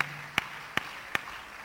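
Three sharp, evenly spaced claps ring out in a steady rhythm as the audience at the Emerge Conference 2026 claps together in unison when asked to clap, moderately loud over a faint low background hum, with no talking.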